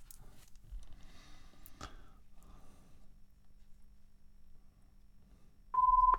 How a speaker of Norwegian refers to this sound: Da ringer det igjen.